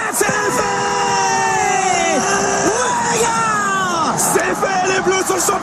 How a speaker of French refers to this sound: avait réussi à rallier sa famille à Saint-Tropez dans le Var pour une inoubliable soirée, un 15 juillet 2018, historique, qui démarre par des cris de joie à Moscou comme partout en France.